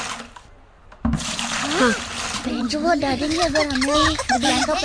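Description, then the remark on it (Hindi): Water splashes and sloshes steadily while several children's voices chatter and call out excitedly over it as they bail water out of their flooded classroom, the busy noise starting after a brief quieter moment. “और सभी बच्चे क्लास से पानी निकालने में जोर शोर से जुड़ गए।”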